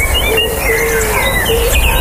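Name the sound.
park ambience with birdsong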